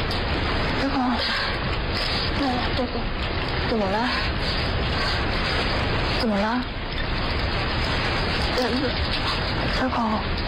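Heavy rain pours down in a dense, steady hiss throughout, with short muffled vocal sounds breaking through it now and then.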